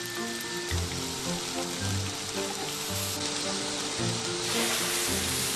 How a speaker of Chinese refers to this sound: 就先用猪身上的下五花肉，用铁板高温煎制出它本身的油来。